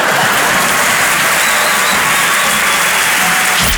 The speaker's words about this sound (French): Moi, je viens d'avoir mon deuxième enfant. Non, non, n'applaudis pas. Tu sais pas ce que je vais dire.